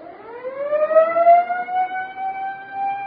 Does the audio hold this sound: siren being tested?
yes